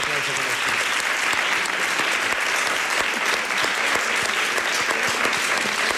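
Steady, sustained audience applause filling the room at a fairly loud level, dense clapping from many hands with no break for the full duration and no clear talking over it.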